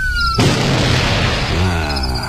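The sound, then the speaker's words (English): A steady high-pitched siren tone is abruptly cut off by a single loud shotgun blast fired to stop the siren, followed by a long, noisy rumbling decay that slowly fades. “I guess that's what the shotgun's for.”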